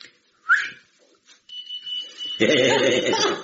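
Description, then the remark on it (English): A short whistle sets off a beeping key ring's steady, high-pitched electronic beep, which keeps sounding as a loud voice breaks in over it. The key ring beeps when whistled or shouted at, to help find lost keys. “When you loses your keys, you only ask to whistle, and it makes a beeping noise.”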